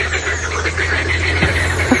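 A dense chorus of frogs living in a small stream next to a home croaks continuously at night. Many overlapping rhythmic, raspy pulses sound at a fairly loud, steady level over a low constant hum. No one speaks.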